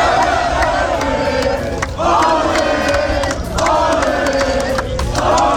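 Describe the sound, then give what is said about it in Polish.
A large crowd of Spanish football fans, celebrating Spain's 1-0 World Cup final win over Argentina, chants and cheers in unison, loud and continuous, with the sung chant swelling in repeated phrases over a dense roar of voices in a fan zone. “w strefach kibica wciąż słychać śpiewy, okrzyki radości i rozmowy o najważniejszych momentach turnieju.”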